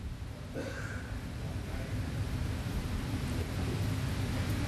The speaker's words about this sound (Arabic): والأجواء هنا اليوم يعني رعد وبرق وأمطار في الخارج